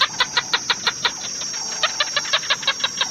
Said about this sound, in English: You got it? Yep, it is a gecko.